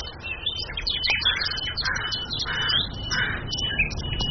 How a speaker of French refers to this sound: Vous marchez en forêt. Les oiseaux chantent, les feuilles bruissent.